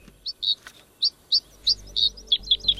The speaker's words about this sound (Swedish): Världens sångfåglar låter på en massa olika sätt. Men alla väljer de bland 8 särskilda byggstenar när de sätter ihop sina läten.